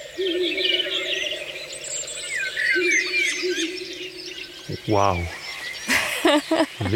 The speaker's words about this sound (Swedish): Där var det en slagugla som ropade.